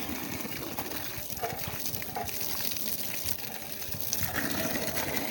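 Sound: water pouring down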